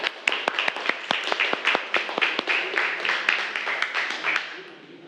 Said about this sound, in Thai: ปรบมือให้เพื่อนหน่อยเร็ว